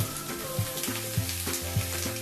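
Steady crackling sizzle of food frying in hot oil, continuous, with soft clinks and scraping as it is stirred. No one speaks.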